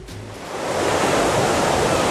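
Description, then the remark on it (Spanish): Ocean waves break on a beach, a broad rushing wash of surf that swells up after the first half second and holds steady and loud, with no voices. “Ay, de repente me creía que estaba en la playa Victoria.”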